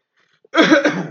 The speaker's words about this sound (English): I cough at him.